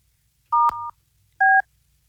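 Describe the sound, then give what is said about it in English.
Touch-tone dialing of a telephone number to call the company Two Clean Whips in Pinellas County: a few short beeps of paired tones, one right after another, then a short gap before a final tone. A soft click is heard among the first beeps. No one speaks. “I feel like I have to try it again because I don't know what the hell happened there.”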